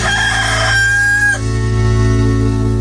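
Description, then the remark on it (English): A loud rooster crow in an advertisement for Smoking Cock Barbecue rings out in one long, strained cock-a-doodle-doo, its pitch shifting partway through before trailing off, with no talking over it. “Smoking Cock Barbecue. Look for the big red rooster on the little red rocket.”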